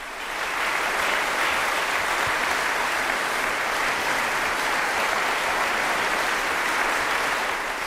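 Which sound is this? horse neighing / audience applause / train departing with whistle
audience applause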